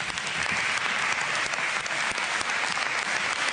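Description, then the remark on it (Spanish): Sustained applause in the Madrid Assembly from the Socialist parliamentary group, dedicated to the late Mari Carmen, a dense, steady patter of many hands clapping at an even loudness throughout, with no voices standing out. “Este aplauso va por ti.”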